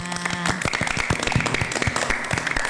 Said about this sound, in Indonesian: Oke, tepuk gitu, tangannya.